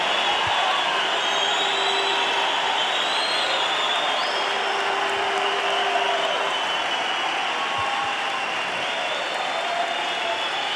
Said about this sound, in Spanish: Aplauden al rey, aplauden a la palabra de Dios.